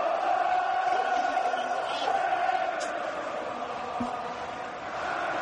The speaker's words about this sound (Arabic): أجواء كبيرة في الأنفيلد، الجمهور يشجع اللاعبين على العطاء الغزير والعطاء الأكثر